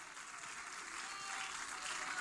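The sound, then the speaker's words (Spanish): A church audience claps hands in praise to Christ in steady, dense applause, a broad crackling wash that holds at an even, fairly loud level throughout with no voices standing out. “Palmas de alabanza a Cristo, hermanos.”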